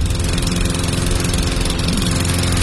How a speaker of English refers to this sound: No, seriously. Instead of fixing that mower, why don't we just call J&I Services?